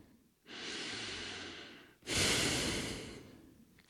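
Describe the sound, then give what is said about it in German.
Two long, deep breaths, a slow breathy exhale followed by a louder, airy inhale, each lasting over a second with no speech. “Sie hebt den Kopf in die wärmende Sonne und atmet tief aus und tief ein.”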